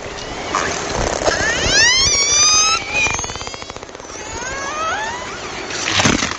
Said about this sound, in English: These Icelandic killer whales aren't making these sounds for fun. They're using them to hunt their favorite food, herring. That's according to Lee Miller and his colleagues at the University of Southern Denmark, who recorded the sounds.